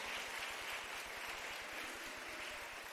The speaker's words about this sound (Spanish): Démosle un aplauso al Señor en este día, ya que se lo quiere dar.